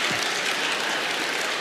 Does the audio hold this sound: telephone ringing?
no